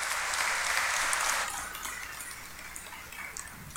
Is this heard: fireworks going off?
no